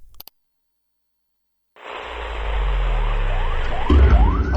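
After a short silence, the siren of a Peduli Muslim ambulance starts up loud, its repeating rising sweeps wailing over a heavy low engine rumble, with no voices.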